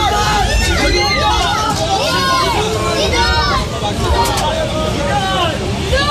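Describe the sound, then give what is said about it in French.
About a hundred onlookers murmur and chatter outdoors at 5 pm as the French national football team's bus arrives at its hotel in Izmit, Turkey; many overlapping voices form a steady hubbub, with the bus engine rumbling low underneath and occasional louder calls rising above the babble. “Oui, il est 17h hier quand le bus de l'équipe de France fait son arrivée à son hôtel d'Izmit devant une centaine de curieux.”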